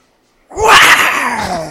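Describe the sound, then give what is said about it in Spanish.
A person growls out a single loud, raspy roar in imitation of a tiger, starting abruptly after a brief silence and holding with a harsh, breathy tone that slowly falls in pitch. “A ver, hasta viéndote un sonido de tigre.”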